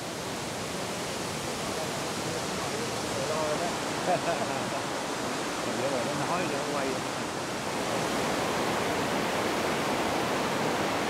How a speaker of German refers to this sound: Der 30 Meter tiefe Elefantenwasserfall ist einer der am meisten besuchten Wasserfälle um Dalat.